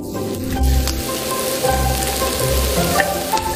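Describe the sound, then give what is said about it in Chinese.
Small fish being fire-baked (huobei) in a pan with little oil over a low flame, the oil at about 130°C: a steady crackling hiss with scattered pops and a low rumbling undertone, fairly loud and continuous for a few seconds with no voices. “文火将油温控制在130摄氏度左右，才能在长时间火焙后收获骨肉酥脆的鱼鲜美味。”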